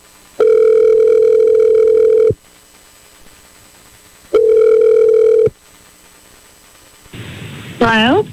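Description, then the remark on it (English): Two steady ringback tones purr through a phone line, a long one and then a shorter one, before the line clicks open with faint hiss and a voice briefly answers. “Let's just stop and we're going to call her. Hopefully she picks up”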